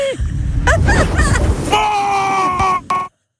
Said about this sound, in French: Et on va entamer une descente d'une quinzaine de mètres jusqu'à arriver au splash pour nous éclabousser et nous rafraîchir. Je suis en haut. Attention à la descente, les amis.